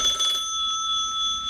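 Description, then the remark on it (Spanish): An old telephone's mechanical bell rings as a caller phones in, a rapid rattling burst of strikes that quickly settles into a steady metallic ringing tone, with no voices present. “Ya están llamando y se comunican con nosotros. Ahí está. ¡Cómo me gustaba ese sonido!”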